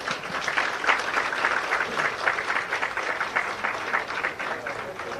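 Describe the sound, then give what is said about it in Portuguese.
Sustained applause from an audience at a foundation-stone ceremony for the construction of Mozambique's National Surgical Centre, a dense, steady patter of many hands clapping at an even loudness for several seconds with no clear break. “E uma grande salva de palmas.”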